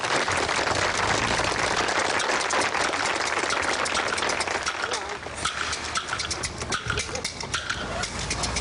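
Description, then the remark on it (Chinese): A crowd applauds steadily at the talent round of a rice-model pageant during a harvest festival, welcoming the first contestant; a dense, loud wash of clapping runs the whole length, thinning slightly partway through before picking back up, with murmuring voices mixed in. “来，掌声有请第一位。”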